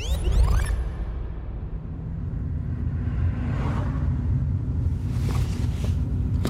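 Steady low engine rumble of a car on the move, heard from inside, with road noise and a few soft whooshing swells; no one speaks. The car is being driven to former social housing blocks in the Südstadt, on 22 December 2022 at 8:40.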